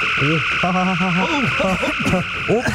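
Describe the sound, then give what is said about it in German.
A warbling sci-fi phaser dematerialization effect: a steady high electronic whine layered with rapidly bending, croaky tonal sweeps, loud, lasting a few seconds. “du musst den Phaser auf Grillen stellen und nicht auf Entmaterialisieren.”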